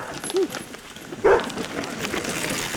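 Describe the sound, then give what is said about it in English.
A service dog named Azul, which goes mountain biking with its owner in Vermont, gives two short barks about a second apart, the second louder, over a steady outdoor background hiss with no one talking. “loves to mountain bike with his service dog, Azul.”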